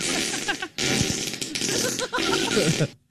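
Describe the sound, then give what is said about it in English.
A loud, buzzy fart sound effect blasts in a few sputtering bursts, broken by short gaps, then cuts off abruptly at the end. “I just want to fart on Derek because he never tips good when he comes down every weekend.”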